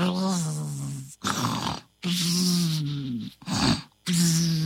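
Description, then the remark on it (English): A voice loudly imitates a story character lying in a forest snoring away like a beehive, alternating drawn-out rumbling, nasal inhales with breathy, hissing exhales, about three full cycles, with no other sounds around it. “She stopped short where Caleb was lying and snoring away like a beehive.”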